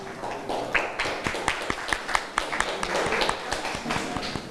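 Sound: students clapping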